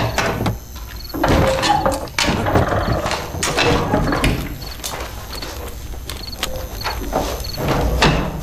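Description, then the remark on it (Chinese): A wooden door rattles and clatters with a series of sharp knocks and creaks, repeating irregularly over several seconds, as militia knock and demand that it be opened. “民兵，开门。”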